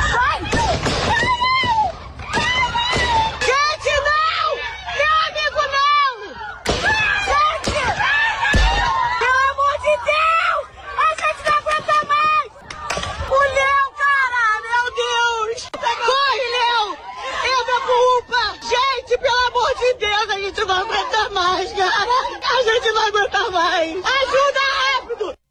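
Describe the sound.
Bystanders scream and shout frantically, calling out a man's name over and over in loud, high-pitched, overlapping voices as he runs into a health unit, the UPA in Costa Barros, with agitated crowd chatter that never lets up.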